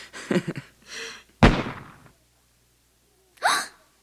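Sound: gunshot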